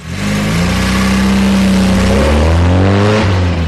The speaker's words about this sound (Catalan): La Yala l'esperava al cotxe i ja havia engegat el motor. Estava indignada i va accelerar furiosa.